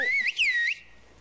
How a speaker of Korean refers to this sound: 목소리처럼 휘파람 소리가 다 달라서 휘파람만 듣고도 누구인지 안답니다. 긴 말보다는 짧은 문장으로 대화한다네요.